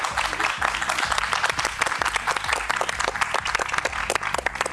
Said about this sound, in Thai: ขอเสียงปรบมือให้กับทั้ง5ท่านด้วยนะครับ